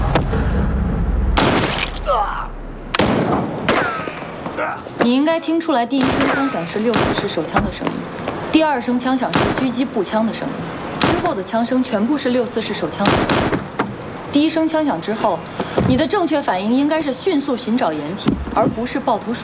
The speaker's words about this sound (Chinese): 你应该听出来，第一声枪响是六四式手枪的声音，第二声枪响是狙击步枪的声音， 之后的枪声全部是六四式手枪的声音。